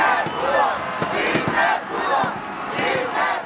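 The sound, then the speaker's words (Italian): A large crowd in Mexico chants and shouts "Sí, se pudo" in unison, celebrating an underestimated team that exceeded expectations; a dense roar of many voices with rising, rhythmic calls repeating every second or so, loud and sustained throughout. “Rimangono tante emozioni perché una squadra sottostimata che ha superato le aspettative ha regalato preziosi momenti di orgoglio, così come urla la folla.”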